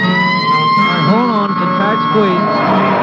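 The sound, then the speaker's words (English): A police car siren wails steadily for a few seconds during a pursuit of a suspect heading east on Wilshire, loud, with indistinct voices murmuring underneath. “Hit the siren, will you,”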